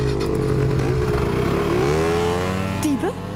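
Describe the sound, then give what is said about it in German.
Small motor scooter engines rev up loudly, their pitch rising and falling as they accelerate, with a brief sweep near the end as they speed away. “Auf die Roller. Beeilt euch.”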